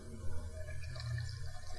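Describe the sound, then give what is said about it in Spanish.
Water pours in a short, steady trickle into a mixture of chickpeas, tahini, cumin and garlic, a soft liquid splash with no one speaking over it. “Necesitamos el agua.”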